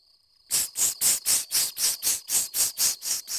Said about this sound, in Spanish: Ah, la cigarra. Una cigarra.